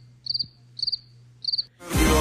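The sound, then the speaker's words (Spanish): A cricket chirps three times in short, trilling bursts at an even pace, then a sudden wash of loud noise cuts in and ends the sequence. “Ahora sí lo va a mandar el grillo, oye.”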